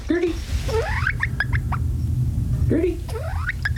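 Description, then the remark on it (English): A bantam hen with pumpkin-colored feathers outlined in black gives soft, rising peeps in two short bursts, each a quick run of chirps, over a steady low rumble of background noise, in a converted dog crate in a living room. “She makes these little peeping sounds.”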